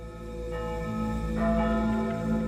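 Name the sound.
church bells ringing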